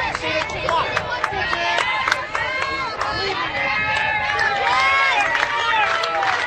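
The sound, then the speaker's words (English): A baseball crowd at a North Shelby versus Valley Catholic game cheering and shouting, North Shelby fans trying to create a distraction, many overlapping voices rising and falling in a steady, loud roar that lasts the whole stretch, with scattered claps mixed in. “Hear the crowd getting into it.”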